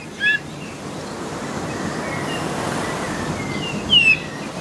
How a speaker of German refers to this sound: Jedenfalls klingt der jetzt so ein bisschen wie so ein Sandregenpfeifer oder Richtung Kiebitzregenpfeifer, sowas. Also sehr ungewöhnlich und anders als unser Gimpel.